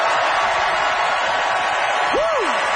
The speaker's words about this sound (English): Audience, it is up to you to decide by applause who agreed with Matt that dipping sauce is awesome sauce.